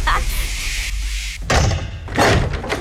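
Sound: car door slamming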